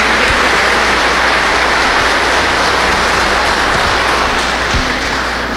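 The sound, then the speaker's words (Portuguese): An audience applauds to welcome a child and the child's family, a dense, steady wash of many hands clapping at once, loud and unbroken for several seconds with no voices rising above it. “Nós acolhemos esta criança e a sua família com uma salva de palmas.”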